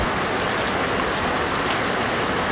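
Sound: rain falling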